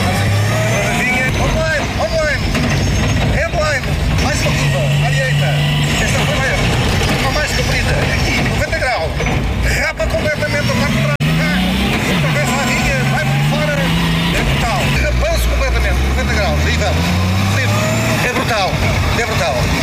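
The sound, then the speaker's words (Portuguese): A rally car engine roars loudly and continuously, its pitch climbing repeatedly as it accelerates hard through the gears, with brief drops between each rising surge, during a co-drive ride sponsored by ESCO Online and promoted by SAR Motorismo. “Com toda a certeza, a Rádio Voz de Reguengos a acelerar neste co-drive patrocinado pela ESCO Online e promovido pela SAR Motorismo, que aconteceu no passado sábado”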